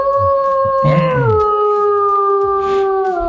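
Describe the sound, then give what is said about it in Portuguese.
A person howls like a lone wolf calling a pampas deer, in one long, loud call, holding a steady tone that slowly slides lower toward the end, with no talking. “Lobo solitário chamando viado campeiro.”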